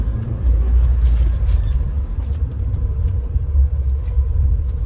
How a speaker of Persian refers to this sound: این صفحه پمپ بنزینه سید رزیه، از اون انتقا شروع میشه میاد دور میدون، بعد اینجا حدود سه لاینه میره از اون پشت دوباره برمیگرده به این سمت. اینا همه ماشین هایی هن که تو صفن.